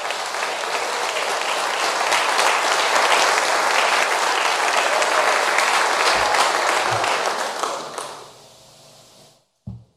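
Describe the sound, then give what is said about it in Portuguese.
An audience applauds for Jesus, loud, dense, sustained clapping for about eight seconds, then the applause fades out quickly into near silence, ending with a brief soft thud. “Palmas para Jesus.”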